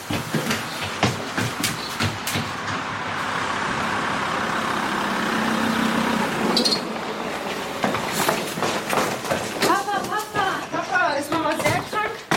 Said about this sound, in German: Da kommt dein Auto auf den Hof gefahren. Ja, Papa ist da.